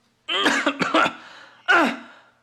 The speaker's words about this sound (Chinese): 咳嗽两声，又清了清嗓子。